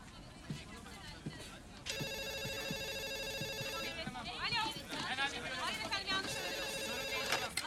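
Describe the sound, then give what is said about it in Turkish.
A telephone rings in two long electronic bursts, bright and steady, over a murmur of background voices and room noise. “Telefonuna bak”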